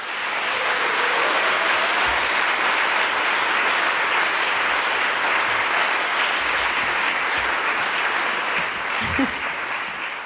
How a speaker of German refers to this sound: Deswegen bitte um großen Applaus für meinen musikalischen Partner Sixtus Preis.